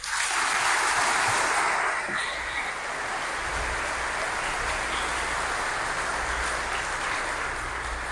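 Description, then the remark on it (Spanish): An audience at a Mass applauds God in a steady, dense wash of clapping that holds loud and even for about eight seconds, with no voices over it. “Un aplauso a Dios.”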